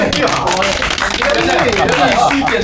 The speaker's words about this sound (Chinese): 掌声这么热烈，只能通过。